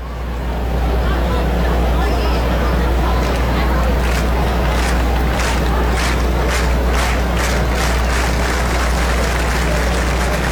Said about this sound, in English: Crowd urging on Sneed to end seven.